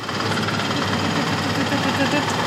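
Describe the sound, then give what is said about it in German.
A braille printer in an in-house print shop embossing dots into paper, a loud, steady mechanical clatter of rapid, densely packed strikes running without pause, with a low droning hum underneath. “Das ist quasi das Geräusch, wo jetzt die Punkte ins Papier kommen.”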